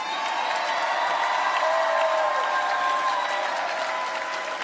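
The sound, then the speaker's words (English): A large crowd applauds steadily with scattered cheers and whoops, a dense, sustained wash of clapping that stays loud and even for several seconds with no talking. “Don't clap your hands unless you're willing to do what the Jubilee was all about.”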